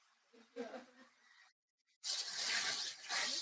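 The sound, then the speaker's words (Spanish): Steady noise of heavy rain heard over a phone call, mixed with a static-like hiss, with a faint muffled murmur underneath. The hiss cuts out for a brief half-second gap, then returns louder and denser until the end. “También es que llueve mucho ahorita. Tengo mucho ruido de lluvia.”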